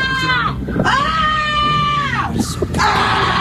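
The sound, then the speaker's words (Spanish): Children in the Plaza Vieja, one with a baby walker, shriek and shout in the afternoon in loud, sustained, high-pitched bursts, one long wailing cry followed by more yelling, with a busy outdoor murmur underneath. “Los niños con el tacatá, unos chillidos, unos gritos.”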